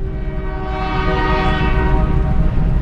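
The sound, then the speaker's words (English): A train horn blares in one long, steady, loud blast over the heavy rumble of a passing train hauling trash as it crosses a bridge to the Cape, with no voices. “you went by train over the bridge.”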